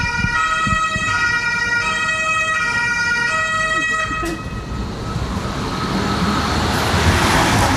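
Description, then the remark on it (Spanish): A car drives past, its steady tonal engine drone giving way to a swelling rush of tyre and road noise that grows louder toward the end. No one speaks. “Und dann, ich warte mal ganz kurz das Auto ab.”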